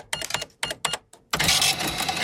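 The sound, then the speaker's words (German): An old, classic mechanical cash register rings up a sale: several quick clacking key strikes and lever pulls, then a loud sustained metallic ringing whir as the drawer mechanism runs, clear with no talking. “so eine ganz klassische Kasse, wo man damit durchrechnen kann”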